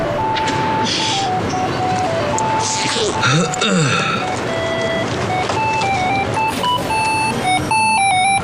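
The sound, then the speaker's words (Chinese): An electronic alarm clock, set as a reminder to take medicine, plays a steady run of high, tinkling beeps in a repeating melodic pattern, fairly loud, over a busy, noisy background. “你怎么了？这药还得上闹钟吃啊。”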